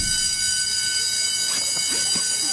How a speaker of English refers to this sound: Finally, the class bell rang.